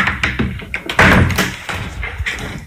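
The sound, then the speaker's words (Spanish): A door is opened with some rattling and handling noise, then swings shut with a solid thud about a second in, followed by a fading rumble and light knocks. “Hoy había cogido la puerta equivocada.”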